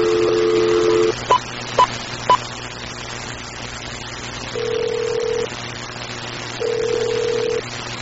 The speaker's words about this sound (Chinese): 公司这部分我来敲一个电话来问头家一个，叫公司嘛送一罐给咱这大哥大姐。你等我一下，我来敲一个电话一下。